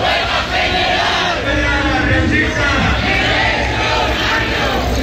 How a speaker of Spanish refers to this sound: Son los gritos de la sociedad riojana que ayer respaldó la movilización del sindicato de la vivienda, que ve inevitable una huelga para pedir políticas públicas que frenen los desahucios y que conviertan la vivienda en un bien accesible.